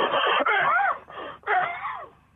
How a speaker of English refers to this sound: Caller, are you going to sexually breathe at me? Sexual breathing?